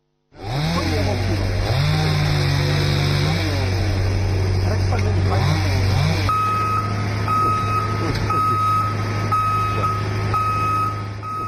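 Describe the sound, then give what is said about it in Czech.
Chainsaws and heavy work machines drone loudly and steadily in the Una river canyon, clearing up the mess left by a storm, with an engine revving up and down early on, then a high reversing beep sounding repeatedly over the continuous rumble. “Zvuci motornih pila i radnih mašina umjesto uobičajenog crkuta ptica u netaknutoj prirodi od jutro sadjekuju kanjonom rijeke Une, nastojeći pospremiti nered kojeg je pričinilo olojno nevrijeme.”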